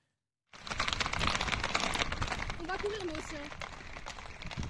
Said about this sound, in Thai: ผู้เห็นเหตุการณ์บันทึกภาพนาทีม้าหลายตัววิ่งแตกตื่นบนถนนในเมืองทางตะวันตกเฉียงใต้ของฝรั่งเศสครับขณะที่ไฟป่ากำลังลุกลามอย่างหนักส่งผลให้ทางการต้องสั่งอพยพประชาชนและนักท่องเที่ยวอย่างเร่งด่วน